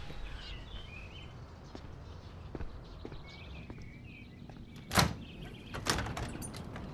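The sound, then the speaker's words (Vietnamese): A door is opened: a few soft clicks, then a sharp latch clack and a second clunk a moment later, over a quiet hiss with faint chirps in the background. “À, tôi đi mở cửa đây.”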